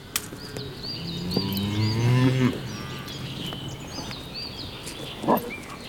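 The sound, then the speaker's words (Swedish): A cow gives one long, loud moo that rises and then fades, with birds chirping steadily in the background and a brief knock near the end. “Skogen är så stor. Den är full med kor.”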